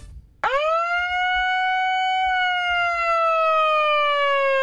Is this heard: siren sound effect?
yes